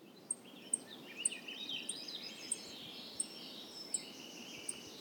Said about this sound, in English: I'm awake before my alarm. It's 5 a.m. The birds are singing. It's spring in Glacier.